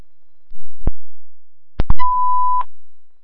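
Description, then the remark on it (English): Fire dispatch alert tones sent to engine 5-1 for the box 533 alarm, a sounding smoke detector: a few sharp clicks and short bursts, then a steady mid-pitched beep held for under a second and cut off with a click. No voices. “5-1, the 533 alarms.”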